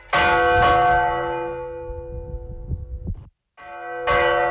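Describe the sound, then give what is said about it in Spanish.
Church bells ring out loudly, with strong strikes near the start followed by a long shimmering decay, a brief silence, then another loud peal beginning. “Un pastor se ha perdido en la noche o en la niebla y el sonido de las campanas le indican el camino para volver a casa.”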